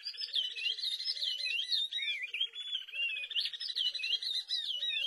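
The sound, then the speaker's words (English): A pair of oriole warblers in Senegal sings a lively duet: the male's fluid whistled phrases weave over the female's steady, rising run of quick staccato notes, continuous and clear for several seconds with no talking. “In this duet of oriole warblers from Senegal, the female keeps time with a rising series of staccato notes as the male whistles along.”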